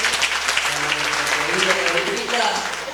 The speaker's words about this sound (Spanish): aplauso.